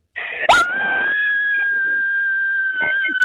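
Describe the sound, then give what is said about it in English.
A woman lets out a horror-movie style scream: one long, piercing, high-pitched shriek held steady for about three seconds, loud, with no talking around it. “We're about to scream.”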